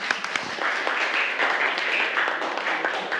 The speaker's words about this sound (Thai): ปรบมือให้กลุ่ม2ค่ะ